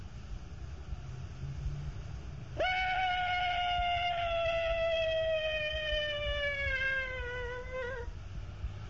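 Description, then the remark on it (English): A person imitates one of Tarzan's elephant cries with one long, loud, high-pitched wail that holds for about five seconds and slowly sags in pitch, over a low background rumble. “Now I'm going to do one of Tarzan's elephant cries.”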